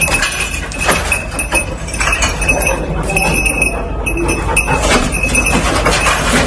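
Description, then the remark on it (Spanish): A rescue dog scrabbles through rubble searching for survivors in La Guaira, Venezuela, setting off a steady, loud jumble of clinking glass, knocking debris and scraping, with sharp clatters every second or so over a rough, continuous rumble. “Esto que escuchas es un perro rescatista rebuscando supervivientes entre los escombros, en La Guaira, en Venezuela.”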